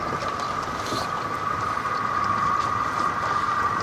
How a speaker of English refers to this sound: What's this boat here? The moving one?